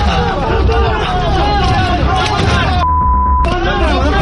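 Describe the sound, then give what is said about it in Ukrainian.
A dense, steady droning hum with a wavering tonal whine from drones and mines right overhead, loud and continuous, with a low throbbing rumble and indistinct voices mixed underneath. “Міни та дрони просто над головами.”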